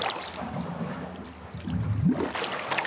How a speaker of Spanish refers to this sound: Vamos a meter la cabeza hasta el fondo y vamos a soplar dentro del agua.